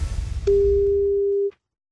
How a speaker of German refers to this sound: weil jetzt klingelt's Telefon und dann sollten Sie singen.